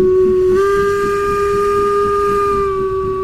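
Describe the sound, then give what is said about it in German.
A loud, sustained steam locomotive whistle on the Furka mountain railway in Switzerland, a steady multi-tone blast lasting several seconds over a low rumbling hiss, with no voices. “Mit der Dampfbahn über die Furka Bergstrecke.”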